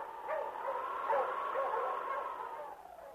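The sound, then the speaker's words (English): A dog, King, Sergeant Preston's wonder dog, barks and yelps amid a steady, blustery background wash, fairly loud, with no talking. “Now back to the days of the gold rush, when Sergeant Preston and his wonder dog King battled through storm and snow to preserve law and order as they met the Challenge of the Yukon.”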